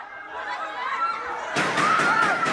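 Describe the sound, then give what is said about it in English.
Several sharp gunshots crack in quick succession inside the Philippine Senate, loud, cutting through the murmur of a crowd of people talking. “A Philippines politician wanted by the International Criminal Court is safe after gunshots were fired in the Senate, where he's been holed up since Monday.”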